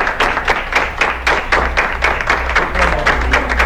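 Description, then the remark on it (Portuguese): Hospital staff in Brazil applaud steadily, many overlapping claps forming a dense, continuous patter at a fairly loud level, with no voices standing out, marking another organ retrieval for transplant. “Os aplausos anunciam mais uma captação de órgãos.”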